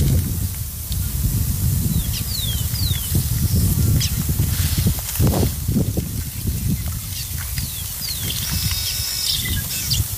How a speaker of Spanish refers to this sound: Y ahí, obviamente, el sonido ambiente, el viento, pajaritos. Escuchemos un poquito, ¿eh?